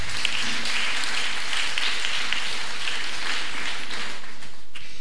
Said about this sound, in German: Applaus.